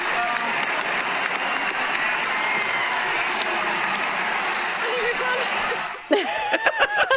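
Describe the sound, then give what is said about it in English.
A huge stadium crowd at a football match roars with continuous cheering and applause just before the final siren, a dense, loud wall of sound for about six seconds before it breaks into sharper, rising tonal calls and shouts. “So the crowd's just going.”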